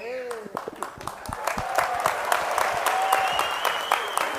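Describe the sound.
A crowd breaks into steady applause, many hands clapping densely and building in intensity, with a few whistles and voices rising through it.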